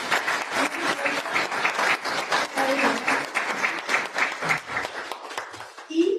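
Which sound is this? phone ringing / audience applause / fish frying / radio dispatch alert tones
audience applause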